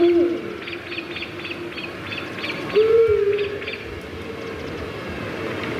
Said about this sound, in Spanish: Esta creo que es un búho. Un búho es. O una autilla, ¿no?